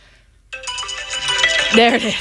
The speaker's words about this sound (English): There it is. Is it weird that your alarm can go off even if your phone's on silent? Because my phone's on silent right now.